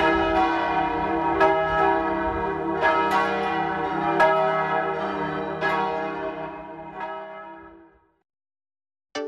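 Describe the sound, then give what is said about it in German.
Four church bells peal together from the tower of a parish church, their overlapping strikes ringing in a steady, rich cascade with a lingering hum, then fading to silence near the end. “Aus dem Turm der Pfarrkirche erklingen vier Glocken.”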